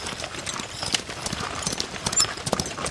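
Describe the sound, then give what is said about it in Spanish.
A horse's hooves clip-clop in a quick, steady rhythm as a hurried traveler rides by, the sharp knocks clear over a faint outdoor background; the horse wears a ring around its neck and has strange markings. “Y su caballo se veía muy raro.”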